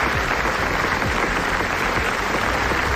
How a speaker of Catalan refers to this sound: Aquí no el podem reproduir sencer, evidentment. És un etern aplaudiment, el més llarg de la història del festival, que s'ha guanyat a la presentació de NASA, un documental que mostra l'horror dels bombardejos a Gaza